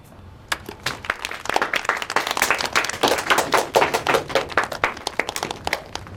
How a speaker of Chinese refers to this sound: 好，就这些，大家鼓鼓掌。